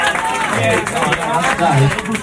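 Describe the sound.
A crowd applauds, a steady wash of many hands clapping at once, with voices calling out and talking underneath throughout the two seconds.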